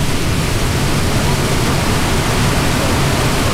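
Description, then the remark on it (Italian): A steady, dense roar of rushing water from a waterfall, loud and unbroken throughout, with no voices or other sounds rising above the constant wash. “Lasciamo le cascate e riprendiamo la strada.”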